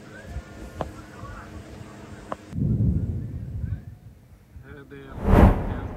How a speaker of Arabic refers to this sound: نفذ جيش الاحتلال الإسرائيلي عدة تفجيرات في بلدات جنوبي لبنان، وأظهرت مشاهد تفجيرا في بلدة الطيبة بقضاء مرجعيون.